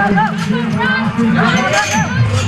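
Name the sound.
crowd clapping and hollering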